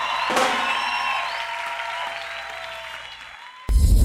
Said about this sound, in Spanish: aplauso fuerte